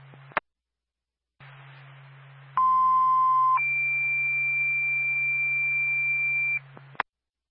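Over a hiss of radio static, a Lakeland State 2 dispatch alert for the Barnett Fire Department sounds: a steady one-second lower tone, then a longer, higher tone held for about three seconds, with sharp clicks as the transmission opens and closes, for a fire alarm activation at 259 Old West Road.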